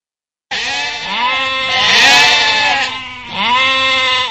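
Sheep bleating loudly, one long wavering bleat followed by a second shorter call, with no other sounds around them.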